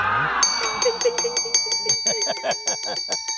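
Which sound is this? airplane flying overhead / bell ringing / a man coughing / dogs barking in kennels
bell ringing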